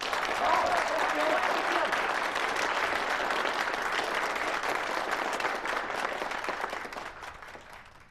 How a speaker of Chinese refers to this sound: 你来给大家讲两句，大家鼓掌。